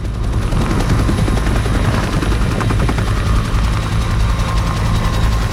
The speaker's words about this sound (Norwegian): Den kraftige rotoren drar det 11 tonn tunge helikopteret rett opp. Så blir det hengende et par sekunder før det setter fart fremover.